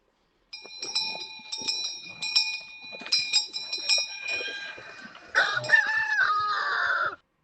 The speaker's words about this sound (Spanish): Los dos sonidos juntos, ¿eh? La campana y el gallo.